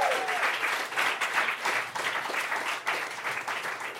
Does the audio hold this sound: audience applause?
yes